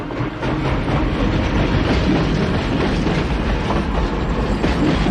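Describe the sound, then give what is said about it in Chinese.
A train rolls steadily along the rails, a loud, continuous rumble with a faint clatter of wheels throughout. No voices are heard, and no whistle stands out clearly. “在火车的汽笛声中，一条史诗般的国际商贸线路终被现代运输方式和贸易体系所取代。”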